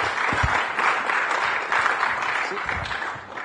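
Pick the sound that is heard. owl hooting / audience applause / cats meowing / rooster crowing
audience applause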